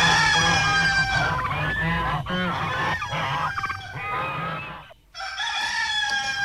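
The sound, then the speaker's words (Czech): A rooster crows loudly amid a clamor of other barnyard fowl, the calls overlapping continuously before a brief pause and one more drawn-out crow at the end. “Já zajímalo, z čeho je ten kohout.”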